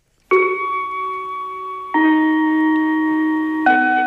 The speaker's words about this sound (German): 13 Uhr. Für Generationen von Grundschülern eine magische Uhrzeit. Denn mit dem Gong ist der Unterricht vorbei.